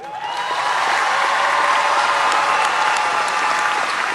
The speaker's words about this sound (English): Lynx fans here and ones that are watching across the country are cheering for you because you gave your heart to this franchise and to the game of basketball.